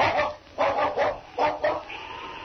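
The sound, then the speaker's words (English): A dog named King barks several times in quick succession, sharp, with a couple of short barks clustered together. The sound is thin and band-limited, like an old recording, with no talking. “Now, put the dog outside.”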